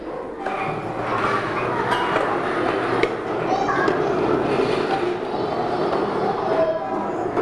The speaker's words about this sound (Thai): ถ้าเด็กๆพร้อมแล้วเดี๋ยวคุณครูนะคะจะให้เด็กๆยกเก้าอี้เก็บเข้าที่ค่ะเด็กๆใกล้กับโต๊ะตัวไหนเด็กๆเก็บได้เลย